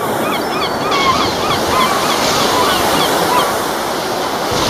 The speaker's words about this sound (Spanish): Hay que ver, mirar al mar, escuchar las gaviotas